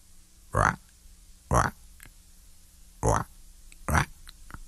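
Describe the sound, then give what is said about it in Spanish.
An early-morning frog by the shore croaks four times in loud, harsh, raspy bursts, coming in two pairs with a pause between them, over a faint low hum and a few soft clicks. “Por ahí se escucha una rana madrugadora.”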